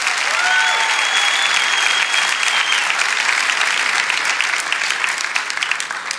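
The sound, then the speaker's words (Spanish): A church audience applauds for Jesus, a steady dense wash of clapping for several seconds with a few faint whoops or cheers rising over it early on, holding loud throughout. “Amén, vamos, dale ese aplauso a Jesús.”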